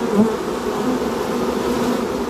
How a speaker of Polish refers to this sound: I te właśnie trzmiele brzmią zazwyczaj niżej i tak bardziej, jakby to powiedzieć, bardziej tak grubo, soczyście niż mała pszczółka Maja na przykład. Ciało trzmieli jest pokryte włoskami, więc wyglądają jak takie latające kulki, kulki futra.